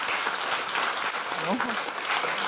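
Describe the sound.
A crowd applauds steadily and loudly to welcome a guest, a dense continuous patter of clapping throughout, with a brief voiced call rising over it midway.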